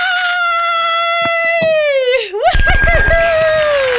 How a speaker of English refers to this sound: Let's dial her now. She's ringing. Now we just need her to pick up.